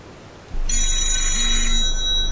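A telephone rings with a bright, sustained electronic trill that starts abruptly and continues steadily, fairly loud, with no talking.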